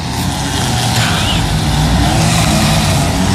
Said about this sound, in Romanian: O motocicletă?